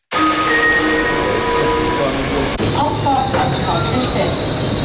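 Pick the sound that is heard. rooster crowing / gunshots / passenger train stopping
passenger train stopping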